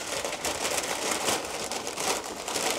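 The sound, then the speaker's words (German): Crinkling and rustling of a paper bag as pastries are packed into it, a steady busy texture of crackles with small bursts, no voices. “Packen wir in die Tüte.”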